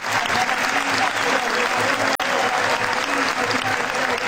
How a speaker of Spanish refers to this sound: Minuto de aplauso para Lionel Messi, Víctor Hugo, la verdad, bueno, que sí, lo reconocieron en todos los estadios, inclusive en el Clásico de Rosario, ¿no? La gente de Central aplaudió. Sí, aplaudió algún grupo, gritó Fideo, Fideo, ¿no?